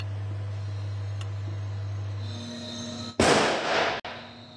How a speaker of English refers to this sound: The strike lasts less than a second, but carries enormous amounts of electrical current. By creating lightning in controlled conditions, researchers can safely test materials against one of nature's most powerful forces.